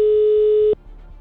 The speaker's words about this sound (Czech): Natahuji se k telefonu a vytáčím telefonní číslo. Pojďme na to, teď se to stane. Tak, je vytočeno. Jsem si dal ten telefon dneska bokem, jsem nevěděl na to číslo pořádně. Ale snad zvoníme správně.